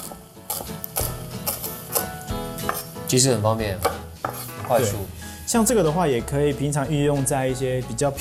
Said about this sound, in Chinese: 那这个时候我们就把香菜也切一切了， 没问题。